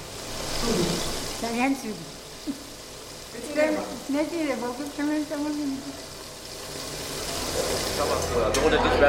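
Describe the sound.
Steady frying sizzle fills a busy hotel kitchen on the closing evening of a summer school, a broad hiss running throughout while voices talk intermittently over it, with occasional clatter and stirring sounds.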